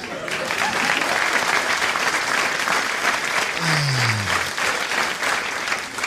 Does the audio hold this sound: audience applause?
yes